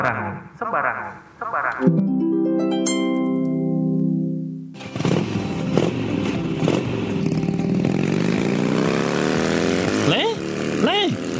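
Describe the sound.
A motorcycle engine hums steadily, then roars louder and rougher as it goes by, with people's voices talking over the noise.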